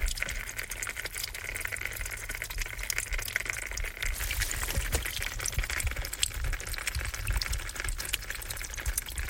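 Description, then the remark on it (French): Steady trickling water from a spring falls onto dry, crackly dead leaves, a continuous patter with scattered sharp ticks and a low rumble underneath, with no voices. “Source qui tombe sur feuille morte.”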